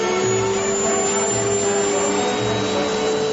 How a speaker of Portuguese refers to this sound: você vai pegar o aspirador de pó e vamos aspirar toda a poeira da vitrola.